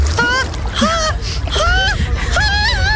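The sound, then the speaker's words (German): Someone hesitantly wades into cold water at an outdoor public swimming pool on a day above 30 degrees, letting out four drawn-out, wavering moans and whimpers, with a steady wash of water noise underneath. “Wenn sie dann aber da sind, hört ihr sie umso mehr beim Versuch ins Wasser zu gehen.”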